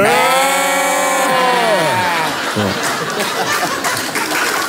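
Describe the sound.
Several voices imitate sheep together in two parts, letting out a long, loud, quavering bleat that wavers in pitch, then breaking into laughter and chatter.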